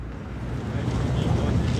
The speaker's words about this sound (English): Okay, I'm standing here right now on the Michigan Avenue Bridge, and the Chicago River is right underneath me. There's some ducks floating under there, and a boat just went by. And here's another one coming.